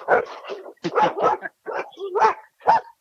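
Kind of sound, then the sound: animal, dogs barking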